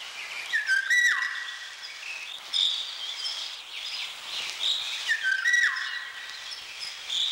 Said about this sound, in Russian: И вот все успокоилось в лесу. Поет Иволга. Повторите вслух это слово. Иволга. Не правда ли? В нем что-то отдаленно напоминает ее песню.